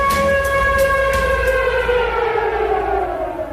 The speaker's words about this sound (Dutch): Dit is het VPRO-programma Het Gebouw. U hoort een sirene. Dat is geen toeval.